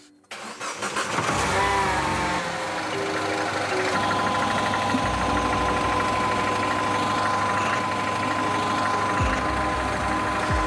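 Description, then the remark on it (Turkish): A car with an oil leak in its turbo oil feed line cranks briefly and catches, then settles into a steady, loud idle with a low rumble and a faint high whine running throughout, as oil seeps out. No one speaks. “Arabayı çalıştırınca ne olduğuna bir baksana.”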